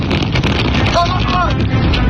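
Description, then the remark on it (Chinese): Strong desert wind in the Gobi wilderness of Dahaidao near Hami, Xinjiang, China, roars and buffets the microphone in a loud, continuous rush, with a brief faint voice surfacing partway through the gusts. “但很快，小两口就感受到了新疆大风的威力。”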